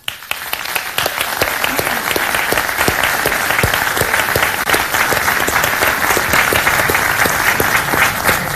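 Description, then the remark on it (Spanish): Steady, sustained applause from an audience, a dense wash of many hands clapping at even loudness throughout, with no voices standing out above it. “y para quien también pido un caluroso aplauso, porque es probable que nos esté viendo, nos esté escuchando, y su familia también.”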